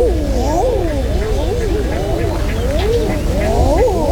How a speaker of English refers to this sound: I'm not making this up. This is the sound that an eider duck makes. It sounds like they are constantly surprised by everything, and it's a very popular bird species in Iceland.